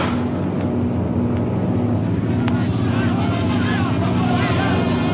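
A loud, steady roar of low-flying propeller airplanes, a continuous droning hum with a low engine tone and a rougher rumble beneath, holding constant throughout.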